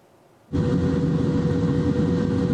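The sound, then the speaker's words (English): After a half-second of near quiet, a firefighting helicopter's loud engine and rotor roar cuts in abruptly and holds steady, deep and rumbling, with no voices; it is operating against a wildfire in dry, mountainous terrain in North Macedonia. “Locals and firefighters battle a wildfire in North Macedonia with shovels, failing to get it under control despite a helicopter in operation.”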